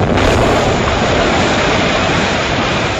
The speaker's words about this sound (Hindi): दिल्ली के central assembly hall में बम फेंकने की योजना बनाई गई। इस बम से जोरदार धमाका हुआ।